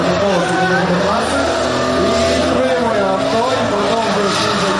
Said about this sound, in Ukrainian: Розпечені шини автомобілів і розплавлений від сонця та шаленого дрифту трек. Це другий етап Open Drift UA. Найкращі пілоти, безкомпромісна боротьба, багато диму, гучні мотори та незабутні емоції.